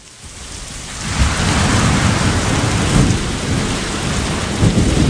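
Heavy rain pours in a dense, steady roar while deep thunder rumbles underneath, swelling after a quiet first second and rolling on loudly throughout, with no voices.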